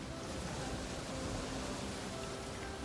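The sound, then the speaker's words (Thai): A steady, soft wash of ocean waves rolls on without pause, a continuous surf hiss at moderate volume with no voices over it. “จนกระทั่งมาถึงพื้นที่ที่ยิ่งใหญ่ที่สุดที่มีผืนน้ำมหาสมุทรอันยิ่งใหญ่”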